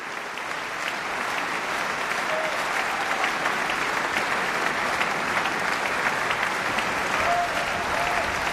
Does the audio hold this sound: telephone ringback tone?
no